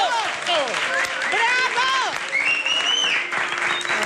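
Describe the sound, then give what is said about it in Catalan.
A large audience claps loudly and steadily throughout, with excited cheers and rising whoops cutting through the dense applause, as a little dog named Coco appears on stage. “La Coco apareix a l'escenari enmig d'una gran ovació i tothom l'aplaudeix.”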